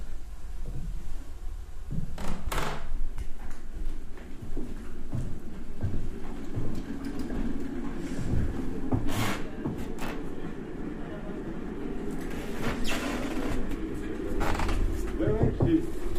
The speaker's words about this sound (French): Toc toc.